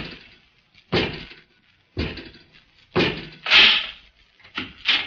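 household object, door opening

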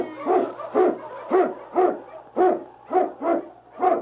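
animal, husky sled dog barking

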